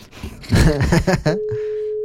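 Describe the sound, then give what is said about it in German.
A short burst of talking gives way to a steady, continuous ringing tone from a cheap mobile phone on speakerphone calling a friend, a single pure pitch that holds unbroken and fairly loud until the end. “Lena, jetzt geh doch ran.”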